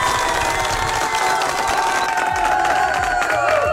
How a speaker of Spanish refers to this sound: Eso, ahora es otro fuerte aplauso, por favor, producción.